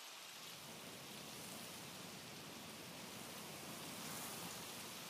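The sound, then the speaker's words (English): Steady rain, the first after months, pours down in a dense, continuous hiss, fairly loud, with no voices or other sounds breaking through. “It's finally raining after months.”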